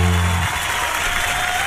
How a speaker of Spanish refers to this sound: te estoy sacando aplauso. El respetable.